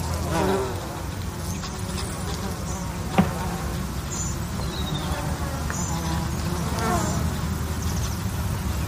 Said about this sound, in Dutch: En ziet de hommels en bijen op de bloeiende watermunt. Ook veel vlinders die daar fourageren, maar het zijn natuurlijk de bijen die zich laten horen.